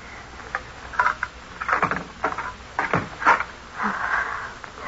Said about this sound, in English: I'll open the door. Here.